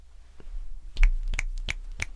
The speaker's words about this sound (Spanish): Los aplausos se escuchan muy fuerte y estridentes en el micrófono, por eso chasqueo los dedos.